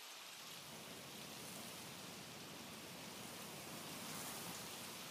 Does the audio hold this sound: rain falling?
yes